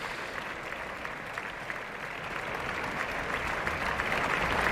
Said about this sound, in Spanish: Abandonan el escenario todos los cantantes del reparto y ya van cesando los aplausos.